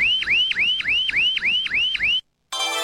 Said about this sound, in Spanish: El despertador sonó a la hora de siempre.